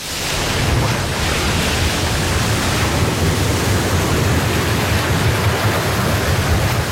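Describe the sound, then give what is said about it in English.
Ocean waves out at sea surge in a continuous, loud roar of churning water and spray, steady for the whole stretch with no voices over it. “waves out at sea can swamp your boat.”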